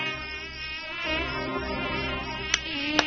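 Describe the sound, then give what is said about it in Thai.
A steady high-pitched whine of a swarm of mosquitoes flying around and biting carpenters at work in the evening, droning continuously, with two brief sharp ticks near the end. “พบค่ำกลุ่มช่างไม้ยังคงทำงานกันอยู่อย่างขมักเขม้นขณะนั้นฝูงยุงก็เริ่มออกหากินยุงหลายตัวบินไปมากัดช่างไม้บ้างลูกมือของช่างไม้บ้างสร้างความรำคาญแก่กลุ่มช่างไม้เป็นอย่างมาก”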